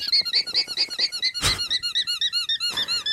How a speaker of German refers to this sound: Naja, es ist keine Hupe vom Tabuspiel, es ist wirklich ein Tier, das ist ein Alpaka. Das habt ihr bestimmt schon mal gesehen. Das sind so große, flauschige Tiere, sehen so ein bisschen aus wie Lamas, aber noch ein bisschen flauschiger.